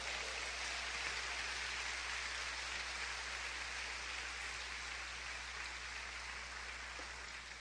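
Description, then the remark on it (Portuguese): Steady, dense applause from an audience after being asked to say amen, a continuous wash of many hands clapping at an even level for several seconds, with no voices over it. “Receba essa palavra e diga comigo: amém, amém e amém, com lindo aplauso, amado.”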